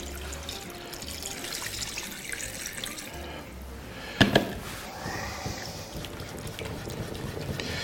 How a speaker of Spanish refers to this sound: Venga, vamos a ponerle agua, que este pollo se tiene que cocer.